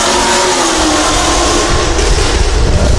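A loud motor vehicle engine roars as it drives by, a steady rumbling drone with some revving throughout, heard on its own with no voices.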